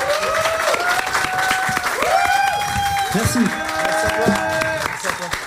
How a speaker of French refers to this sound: Merci beaucoup. On peut l'applaudir bien fort. Merci beaucoup.